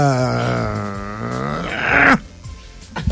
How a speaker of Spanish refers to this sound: Muy increíble. Amiga, qué bostezo tan bonito.